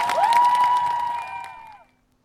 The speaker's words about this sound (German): Vielen, vielen Dank für diese große Rede. Macht noch mal richtig Applaus.